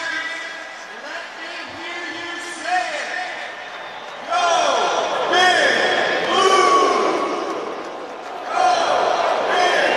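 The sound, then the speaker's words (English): A large stadium crowd at Giants Stadium roars continuously as former Giants players, including Jason Sehorn, are introduced. It starts as a steady murmur and swells into louder waves of cheering around the middle and again near the end, with no single voice standing out. “Jason Sehorn getting the crowd fired up.”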